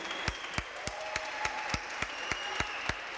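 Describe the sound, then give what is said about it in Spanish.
Audience applause for the tenor saxophonist during band introductions at a live music performance, in a steady, even rhythm, with sharp claps landing about three times a second over a dense wash of crowd noise. No one speaks. “Un aplauso para él.”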